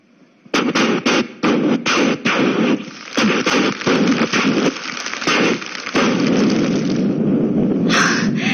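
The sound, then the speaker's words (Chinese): A long string of wedding firecrackers, lit for a groom coming to fetch his bride, bursts into rapid, loud, crackling pops, a dense continuous rattle punctuated by sharper bangs that goes on for several seconds with no talking. “你听，迎亲的鞭炮点燃呐、啊！”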